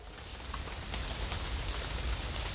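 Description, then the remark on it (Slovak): Heavy rain pours down steadily in a storm with a dense hiss, scattered sharp taps of large hailstones striking a surface, constant and loud with no voices. “Spustil sa vám taký lejak, aj krúpy padali.”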